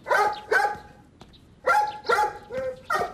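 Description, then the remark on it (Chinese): A puppy barks sharply and repeatedly at a rag doll, two quick yaps, a brief pause, then a rapid burst of four more, loud with no talking. “小狗正对着布娃娃狂吠”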